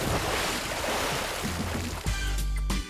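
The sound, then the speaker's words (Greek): Sea waves wash steadily onto a shore in a continuous broad rush, and a low tonal hum fades in during the last second. “στη θάλασσα. Το καλοκαίρι ακούγεται.”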